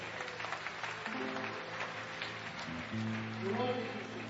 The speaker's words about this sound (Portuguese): Vamos louvar a Deus com um aplauso bem forte para Cristo.